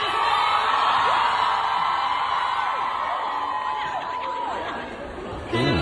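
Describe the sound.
A large crowd at a Q&A event roars continuously as someone throws a water bottle at a man leaving the stage, many voices cheering and letting out rising and falling "ooh" sounds, loud, swelling again sharply at the very end.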